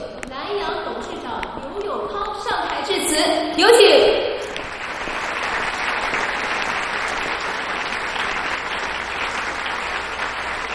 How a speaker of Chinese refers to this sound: 让我们为蓝洋人寿鼓掌，也为我们自己鼓掌。